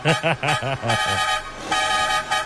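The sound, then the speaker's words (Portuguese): A vehicle horn honks in a quick series of five short, rhythmic toots, followed by a longer sustained blast that trails off, loud; sounded by the production crew on the Catarinense radio broadcast. “Eu só vou dar uma chamada na buzina, bem ligeirinho. Chama na buzina, produção.”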